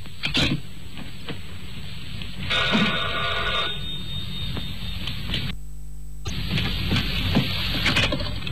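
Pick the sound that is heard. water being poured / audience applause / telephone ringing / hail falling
telephone ringing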